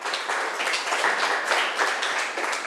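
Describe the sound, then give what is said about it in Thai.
A class of students, asked by their teacher, claps for a classmate who gave a correct answer, in a steady, dense patter of many hands, holding an even, moderate loudness for about three seconds with no voices over it. “งานอวมงคลถูกต้องปรบมือให้เพื่อนหน่อยค่ะ”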